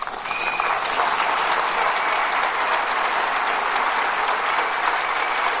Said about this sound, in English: Yeah, she deserves your applause.